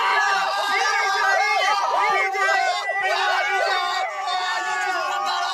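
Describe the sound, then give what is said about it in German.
The members of a band jump, shout and cheer excitedly all at once after reaching number one on the chart for a second week, a loud, continuous burst of overlapping high-pitched yelling with no pauses. “Sie springen, schreien, jubeln.”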